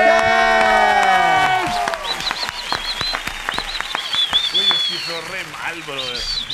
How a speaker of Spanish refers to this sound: Y qué bueno hoy poder darle la bienvenida y un aplauso, por favor, de parte de todos